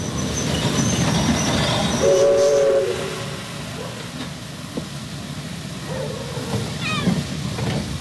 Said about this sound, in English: Had I known it, at that very moment she was aboard the southbound train that was steaming to a halt at the Tamworth railway station.